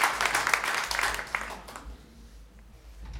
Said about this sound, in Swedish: Tusen tack för den varma applåden.